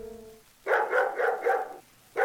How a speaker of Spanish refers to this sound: Era simplemente un beagle que llamaba a su amo.